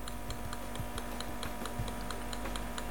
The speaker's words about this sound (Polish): Uruchom jednorazowe szukanie ostrości. Szukam ostrości. No i znowu małe pyka, tak. Tykanie, tak.